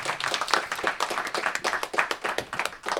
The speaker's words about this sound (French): Bravo, on peut s'applaudir bravo, le bravo, public. Bravo.